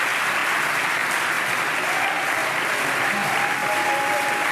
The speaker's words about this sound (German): Und ganz viele Promis und Jubel im Moment in Baden-Baden.